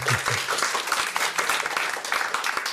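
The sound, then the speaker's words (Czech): A crowd applauds steadily, many hands clapping in a dense, continuous patter that stays loud throughout, with a brief low voice murmuring at the start. “A to je na potlesk.”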